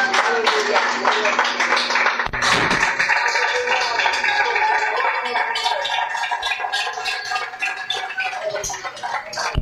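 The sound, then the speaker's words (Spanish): A church audience applauds the Lord, a dense patter of many hands clapping that swells after a brief pause and continues steadily, with voices and a sustained tone mixed underneath. “Qué lindo, otro aplauso al Señor, hermanos.”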